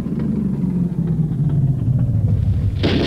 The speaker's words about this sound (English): Those are light tanks we hear.